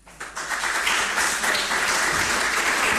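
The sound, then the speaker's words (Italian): An audience breaks into applause as Luciano Nobili, President of the Special Commission on PNRR and Major Events of the Lazio Regional Council, is invited to the podium: a dense wash of many hands clapping that swells quickly and then holds steady and loud, with no voices standing out. “Io qui, prima di concludere i nostri lavori, il nostro tavolo di oggi, ho l'onore di invitare qui sul podio l'onorevole Luciano Nobili, Presidente Commissione Speciale PNRR e Grandi Eventi del Consiglio Regionale del Lazio, con un grande applauso.”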